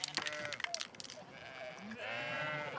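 Several sheep bleat at once in a wavering, overlapping chorus that swells and holds toward the end, after some brief clattering and rustling at the start. No one speaks.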